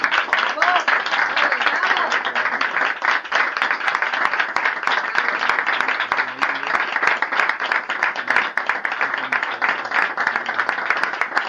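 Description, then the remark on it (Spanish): A large audience applauds steadily for about twelve seconds, dense overlapping claps at a loud, even level with scattered voices mixed in, applauding the host as he presents an award at the first Memorial de la Sevillana Cofrade ceremony. “Un aplauso para él.”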